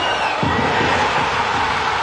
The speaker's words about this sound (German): Und wer ist der grösste Partyquascher, den es gibt? Die hier jubeln.